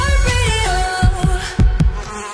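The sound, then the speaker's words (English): A housefly buzzes steadily with a wavering, droning pitch, broken by several brief sharp taps spaced unevenly through the sound. No one speaks. “Oh, where did you come from? Buzz off!”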